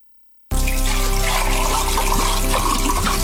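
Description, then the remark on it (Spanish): Natural mineral water from Sierra Nevada pours steadily, a continuous splashing stream that starts abruptly after a brief silence and keeps going without pause. “Agua mineral natural, no las pidas, exígelas.”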